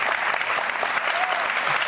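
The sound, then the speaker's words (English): A studio audience on The 700 Club claps steadily throughout as Tim Conway is welcomed, a dense, even wash of many hands with no pauses, loud and sustained, with no voices standing out above it. “Millions applauding you.”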